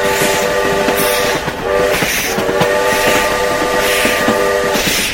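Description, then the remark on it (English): Train whistles blow in a long series of sustained tones, broken by short pauses, over the steady rumble and clatter of a passenger train beginning to glide forward on a foggy night. Loud, with no talking. “A long series of whistles then blew, and a muffled cheer rose from the dozen old fellows in the adjoining dining car.”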